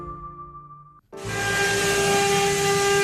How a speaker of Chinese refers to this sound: 刻刀划过黄杨木的细碎声，混着 3D 雕刻机的运转声，在温州永嘉工艺美术园的雕刻厂里此起彼伏响起。